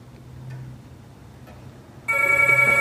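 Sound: telephone ringing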